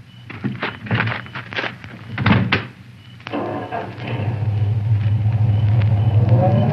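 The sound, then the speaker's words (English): A handful of solid thunks as car doors shut in close succession, then an engine turns over and settles into a steady, building low rumble. “Oh, this is my car. Would you ride into town with me? Oh, thanks. You drive.”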